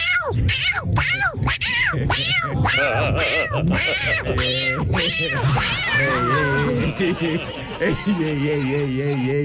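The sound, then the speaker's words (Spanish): A person shows off a hidden talent, imitating a yowling, beaten cat, with repeated wavering, rising-and-falling wails sounding loud, continuing without pause for the whole stretch. “Buenos días, mi talento oculto es un gato apaleado.”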